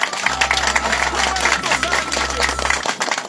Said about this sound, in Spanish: Un fuerte aplauso para él, por favor.